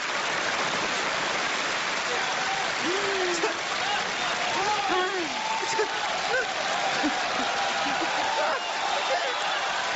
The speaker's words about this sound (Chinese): 这都做了4个小时了，人家说累了吗？就这样仍然坚持鼓掌。